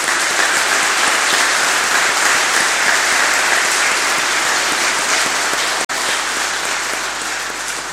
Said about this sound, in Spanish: ¡Que viva la Virgen de Andacollo! ¡Viva! Un fuerte aplauso a nuestra madre en este día.